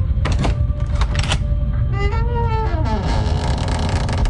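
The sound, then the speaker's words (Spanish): A few sharp clicks and knocks lead into a drawn-out, wavering creak of a door swinging open, groaning for about a second over a steady low rumble before trailing off. “¡Ay, la puerta! ¡Ay, no puedo mirar!”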